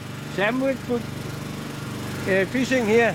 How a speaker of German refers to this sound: schmeißt den Motor wieder an.